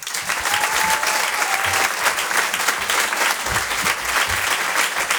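Loud, sustained audience applause at a stand-up comedy show in Paris, welcoming comedian Patson, fills the whole stretch, a dense steady wash of many hands clapping with a faint whistle rising briefly early on.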